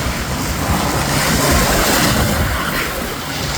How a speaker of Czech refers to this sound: Je, stari grad na Hvaru. Uz popodnevni maestral.